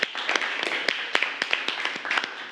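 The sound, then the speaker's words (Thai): Students in a classroom applaud a classmate at the teacher's request, a dense, steady patter of many hands clapping with a few sharper individual claps standing out, moderately loud and continuous for a couple of seconds with no talking. “โอเคขอเสียงปรบมือให้เพื่อนหน่อยครับ”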